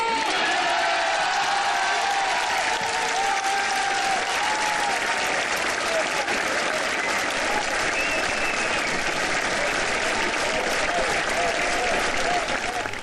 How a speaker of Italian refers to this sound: L'applauso dei fedeli, dei pellegrini, dei medici, dei malati, di quanti sono presenti a Lourdes in questa casa di accoglienza.